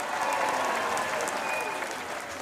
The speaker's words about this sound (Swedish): Jag tycker en grym lagspelare, han förtjänar alla hyllningar och det är någonting som sammanfattar det här laget, tycker jag. Då ger vi Jani Lampinen en stor applåd här.